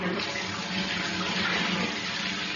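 A shower runs steadily in a changing-room shower at Edgbaston, a continuous hiss of spraying water with no pauses or voices, an even, rushing noise.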